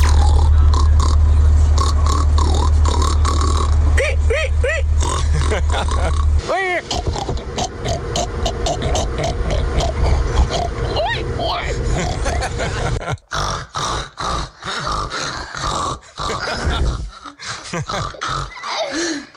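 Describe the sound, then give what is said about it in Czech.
Several people take turns imitating pigs, with loud throaty grunts, snorts and squealing oinks in quick bursts, with some laughter between the calls. “Ovšem prase, který by se zasloužilo první místo.”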